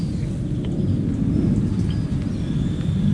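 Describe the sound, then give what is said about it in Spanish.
A person imitates a pig with a steady, rough, low grunting snort for about three seconds, loud and rumbling, with no words spoken. “A ver, repítame el cerdo.”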